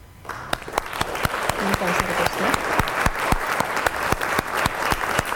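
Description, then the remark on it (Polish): A burst of clapping from a group of people on a Tyfloradio radio programme, welcoming a new presenter's debut, dense and steady with sharp individual claps standing out, sustained for several seconds at a fairly loud level, with a faint murmur of voices underneath. “na debiut i na zachętę takie oklaski i zapowiedź od naszego redakcyjnego kolegi”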